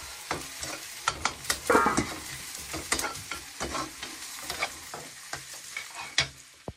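Kaiyang cattail shoots with added chicken stock and a little salt sizzle and crackle in a hot wok while a spatula scrapes and tosses them in quick, irregular strokes, a steady stir-fry of about two minutes with no talking.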